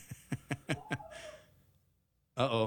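A quick run of sharp, breathy gasps, close and fairly loud, trails into a rough breath before a sudden strained vocal cry bursts out at the end.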